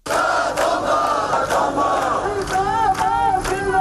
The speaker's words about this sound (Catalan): En paral·lel, dos centenars de manifestants protestaven davant el consolat de mà al crit de "La Feixina sí se tomba". Sonava així.